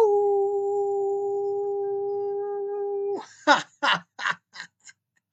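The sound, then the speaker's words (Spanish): A single long, steady howl from a radio host broadcasting from Mexico holds an even pitch for about three seconds, loud, then breaks off as a few short bursts of a man's speech follow. “Les envío un aullido.”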